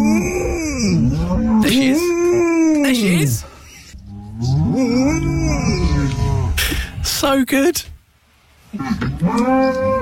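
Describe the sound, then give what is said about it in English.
A golden retriever named Lucy Woos lets out long, wavering moo-like calls, mimicking a herd of cows in a field on a farm, and the cows moo back. There are several loud, drawn-out calls, with a person briefly speaking between them. “There's a golden retriever called Lucy Woos, great name, on Instagram, and she's been to a farm where she saw a herd of cows in a field and she's mimicked them.”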